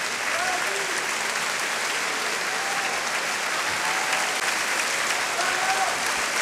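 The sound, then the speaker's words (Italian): Sustained, dense applause from a large audience after a symphony orchestra concert in Milan, a steady wash of many hands clapping at an even, loud level throughout, with faint voices mixed in. “Tanti applausi, tanto successo.”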